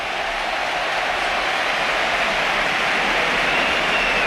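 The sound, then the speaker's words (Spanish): A stadium crowd gives a loud, sustained ovation for 19-year-old José Antonio Morante's debut for Betis, a dense, steady wash of roaring and applause that holds at the same intensity for about four seconds, with no voices standing out. “Esta es la ovación.”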